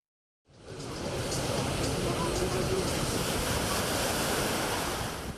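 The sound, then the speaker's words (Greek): Sea waves wash onto a beach at Heraklion on a sunny Sunday in strong meltemi winds, a loud, steady roar of surf and gusting air that begins after a brief moment of silence and continues unbroken. “Οι ισχυροί άνεμοι της Κυριακής δεν κράτησαν τους λουόμενους μακριά από την θάλασσα και τις παραλίες.”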